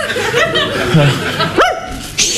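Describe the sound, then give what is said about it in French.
A dog called Bédo lets out a short, sharp bark partway through, fairly loud, while people talk and chuckle around it. “Au pied, le chien.”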